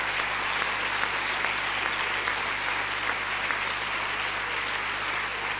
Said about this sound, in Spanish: Le puedes dar un aplauso al Señor.